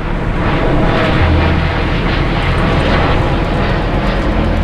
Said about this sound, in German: Das soll weniger werden hier. Weniger Flugzeuge, die über den Ort fliegen, so sehen es neue Pläne von Fraport und Deutscher Flugsicherung vor.